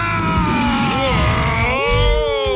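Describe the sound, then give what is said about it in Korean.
A loud, sustained roar with a growling, harmonic tone and sliding pitch, rising and falling over about two and a half seconds; it sounds like a human voice imitating a roaring Bengal tiger, the answer to a radio quiz. “오늘 일간 여성 시대 퀴즈 정답이었죠. 포효하는 벵갈 호랑이.”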